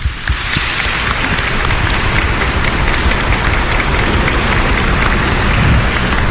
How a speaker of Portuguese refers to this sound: Então vamos dar uma salva de palmas para esse lucro que a paróquia fez.